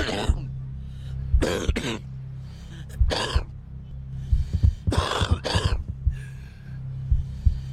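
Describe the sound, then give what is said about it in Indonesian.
A smoker's harsh, raspy cough coming in several hacking fits with throaty rattles and short pauses in between, loud and with no one talking. “Batuk seorang perokok adalah tanda rusaknya seluruh tubuh.”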